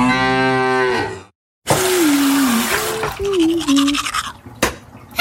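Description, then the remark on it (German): A loud cow-like moo, a brief silence, then vigorous scrubbing of teeth with a toothbrush and toothpaste, a steady bristly swish, joined by a low wavering hum and a few sharp clicks near the end. “Ups, jetzt ist der Wasserhahn ausgeputzt. Mit meiner Zahnpasta.”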